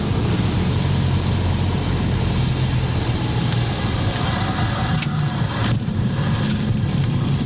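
A small airplane touches down on the runway at Juist and rolls along, heard from inside as a loud, steady engine and tire rumble, with a few brief thumps near the end.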